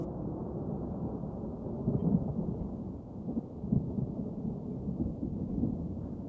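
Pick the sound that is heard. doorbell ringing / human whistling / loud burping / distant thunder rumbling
distant thunder rumbling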